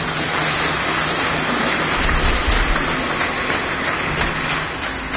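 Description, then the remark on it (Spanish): An audience claps loudly and steadily, a dense, sustained wash of many hands that holds at full strength for about five seconds before easing slightly, with no voices over it. “Fuertes palmas, Espíritu.”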